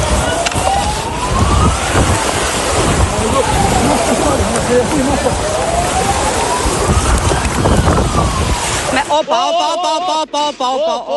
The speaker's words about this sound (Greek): Εκρήξεις, φωνές, αναστάτωση για τη φωτιά που καίει το σπίτι.